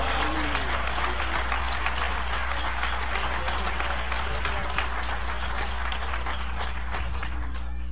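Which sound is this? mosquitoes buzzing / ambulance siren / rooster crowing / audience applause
audience applause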